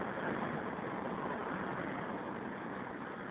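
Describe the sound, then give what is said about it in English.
Steady, dense roar of street traffic close by, heard at a curbside payphone at Northern Boulevard and 41st Street, a continuous wash of engine and road noise with no pauses and no voices, sounding slightly muffled and narrow. “It's my favorite kind of payphone. It's like out in traffic, practically in traffic, right on the curb.”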